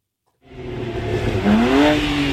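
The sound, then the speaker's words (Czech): Tuned car engines roar loudly at an illegal European tuning meet in a parking lot at Zličín, Prague, in the evening, after a sudden start, one revving up with a rising, whining pitch over a steady rumble of idling motors. “Stovky lidí mezi upravenými auty, hluk motorů a nad parkovištěm policejní vrtulník.”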